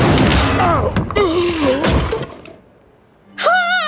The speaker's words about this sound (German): Da knallt der Marmor-Uhu auf Labienus' Kopf.